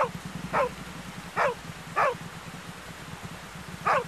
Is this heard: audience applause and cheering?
no